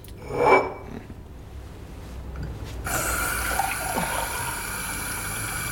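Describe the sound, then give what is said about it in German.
A tap turns on with a brief splash, then water runs steadily into a glass for several seconds, a continuous hiss with the pitch rising slightly as it fills. “Aber ein Glas Wasser werden Sie doch haben.”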